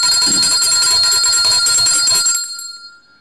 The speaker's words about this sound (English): I have to ring the bell again.